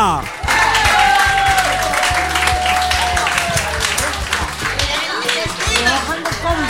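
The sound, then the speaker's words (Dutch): An audience bursts into sustained applause welcoming the performer Paul Bruna, dense clapping for several seconds, with a whistle-like tone sliding through and some low rumbling underneath. “Dames en heren, mag ik vragen om hem een warm welkom te geven en een stevig applaus, want hier is hij, Paul Bruna!”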